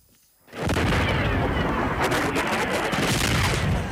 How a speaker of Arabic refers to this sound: القوات المسلحة اليمنية استهدفت مدرج مطار صنعاء الدولي لمنع هبوط طائرة إيرانية جديدة وسط دوي انفجارات متتالية هزت محيط المطار.